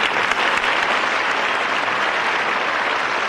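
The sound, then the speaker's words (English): A steady burst of audience applause, dense and even, with many hands clapping at once in a continuous wash of sound and no voices standing out. “And he isn't here to accept the applause, but I know he'd be grateful.”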